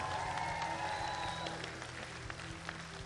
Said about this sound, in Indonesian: Jadi sekali lagi berikan tepukan gemuruh untuk barisan juri kita.